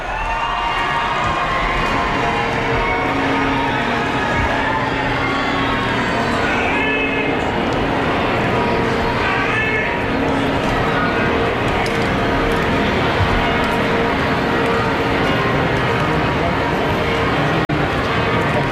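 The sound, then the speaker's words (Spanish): The bells of Barcelona Cathedral peal continuously during the Pope's visit, in a loud, dense wash of overlapping ringing tones, with a steady crowd murmur underneath throughout. “Las campanas de la Catedral de Barcelona ya las repicando.”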